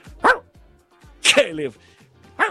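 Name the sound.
dog barking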